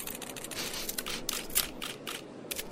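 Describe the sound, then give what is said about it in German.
A camera being readied: a quick series of small mechanical clicks, snaps and rattles, irregular and fairly soft, with no one speaking. “beeil dich und mach die Kamera klar.”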